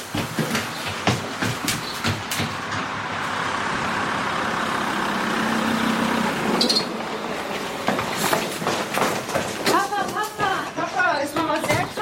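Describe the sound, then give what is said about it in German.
A car drives into the yard with a steady engine rumble and tyre noise that swells and then settles, followed by people talking. “Da kommt ein Auto auf den Hof gefahren.”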